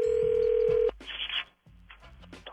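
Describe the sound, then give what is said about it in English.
A steady electronic phone tone hums for nearly a second, then gives way to short clipped telephone dialing beeps and line noise as a call is placed, moderately loud with no voices. “Let's start the day off with another phone check.”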